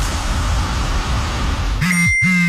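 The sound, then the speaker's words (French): A bright electronic phone notification chime sounds twice in quick succession, a pair of clear ringing tones, after a stretch of low rumbling background noise. “Ce son, c'est ton téléphone qui te rappelle d'ajouter des activités estivales à ton calendrier.”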